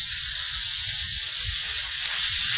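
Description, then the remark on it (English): A loud, steady sizzle of a hibachi grill fills the whole moment, a bright hissing wash like food searing on a hot griddle, with faint crackling underneath and no voices. “It's like a hibachi grill back at Benihana. Full sizzle.”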